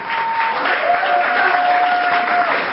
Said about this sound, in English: Chaotic scenes on the first day of the trial, with supporters cheering and shouting when the activists entered the courtroom.